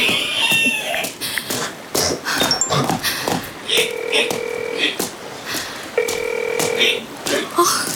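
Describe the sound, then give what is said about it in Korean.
A phone call rings twice and goes unanswered, each ring a steady electronic tone about a second long with a pause between, over a busy, noisy background with some voices and clatter. “전화를 왜 안 받아.”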